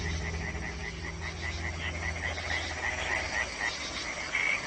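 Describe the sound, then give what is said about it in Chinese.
A dense chorus of European tree frogs croaking continuously in spring, many overlapping calls pulsing rapidly and rising and falling, with a steady low rumble of night ambience underneath and no talking. “他们先是组建了一支小夜曲合唱队，歌声此起彼伏，整个夜空都回荡着他们热情洋溢。”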